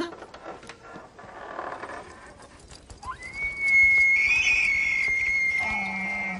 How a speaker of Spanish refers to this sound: ¿Oíste eso? Proviene de una criatura asombrosa. Un alce. Los sonidos que hace el alce semejan a una trompeta. Sigamos ese sonido hasta el animal que los hace.